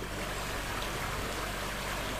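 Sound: flowing river water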